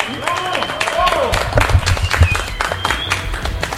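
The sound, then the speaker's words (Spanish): A crowd applauds the runners at a race medal ceremony, a dense patter of many hands clapping at once, loud, while a voice briefly rises over it near the start. “Un aplauso, venga, ese gran aplauso para todos.”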